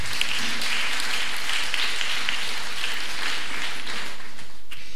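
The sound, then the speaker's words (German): Steady crowd applause greeting the event's photographer fills the whole five seconds, a dense, even patter of many hands clapping at a constant moderate loudness, with no voices on top. “Applaus.”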